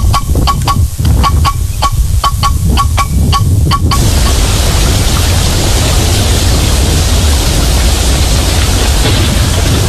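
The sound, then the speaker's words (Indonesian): Heavy rain that has been falling for days pours in a dense, steady roaring hiss with a low rumble beneath. During the first few seconds a quick run of sharp, irregular ticks and taps sits over the downpour. “Seberapa hari ini hujan deras terus nih.”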